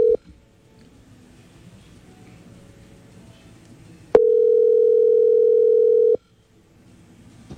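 A telephone tone as a WhatsApp call is placed: a brief beep, a stretch of faint hiss, then a loud, steady mid-pitched tone holding for about two seconds before cutting off abruptly. No one speaks.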